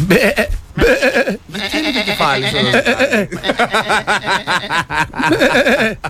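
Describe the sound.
A person imitates a goat's bleat, letting out several loud, quavering, wobbly-pitched cries in quick succession with brief breaks between them.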